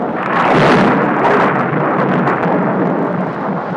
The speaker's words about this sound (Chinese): 有一天下午，这里突然下起了暴雨加冰雹，此时在树下玩耍的孩子们急忙躲入树洞里。